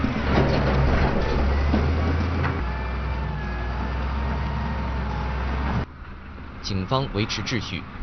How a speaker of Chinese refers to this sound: 军方20号在阿尔阿尔托市开展道路清理工作，打通前往首都拉巴斯的要道。作业现场装甲车开路，拖拉机清理路障。